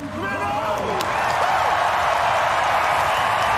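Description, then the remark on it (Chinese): A large stadium crowd at an athletics race featuring Warholm and dos Santos roars with steady applause and cheering, a dense, loud wash of noise that holds for several seconds with a few shouts and whistles rising over it at the start. “现场也是爆发出了雷鸣般的掌声和欢呼声。”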